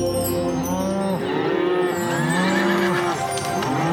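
A herd of cattle moos loudly, several long, drawn-out calls overlapping one another in a steady, continuous chorus with no talking.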